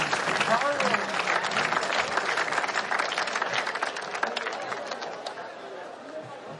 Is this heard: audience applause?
yes